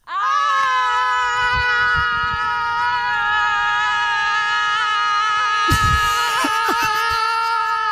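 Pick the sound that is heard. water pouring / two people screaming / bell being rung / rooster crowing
two people screaming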